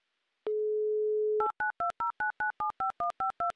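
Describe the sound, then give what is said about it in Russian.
A steady dial tone holds for about a second, then gives way to a quick, even run of ten two-pitched touch-tone beeps as radio hosts dial the phone number of a listener in Ryazan, clear with no voices. “Набран номер телефона Демьяна. Звоним.”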